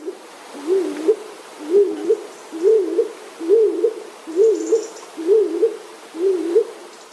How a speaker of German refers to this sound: Die Hohltaube klingt dumpfer und kürzer.